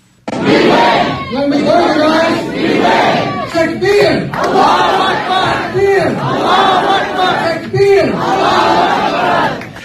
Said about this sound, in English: Usama, at this campaign rally, they are yelling, Allah Akbar. Yeah, takbir, Allahu Akbar, takbir. It is a shout of victory. Allah is bigger.